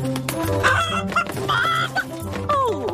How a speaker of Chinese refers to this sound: 快来，咕咕鸡。